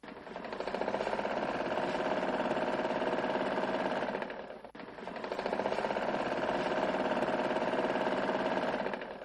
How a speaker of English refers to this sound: The sound of the sewing machine suggests that business is still underway, but looks can be deceiving. A tailor makes a quick repair to a child's school uniform, fixing a missing button as the first week of classes draws to a close.